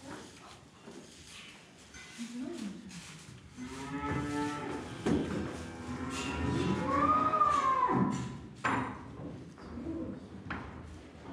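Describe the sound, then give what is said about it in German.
Several cows moo in a barn as a dairy cow is brought back to the other cows to be milked, long drawn-out calls overlapping one another, fairly loud, with a higher bleating call and faint bird chirps mixed in. No one speaks. “Die Milchkuh soll gemolken werden und kommt zurück in den Stall zu den anderen Kühen.”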